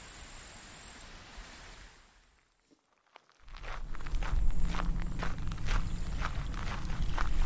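footsteps walking outdoors

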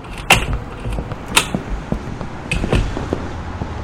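door opening

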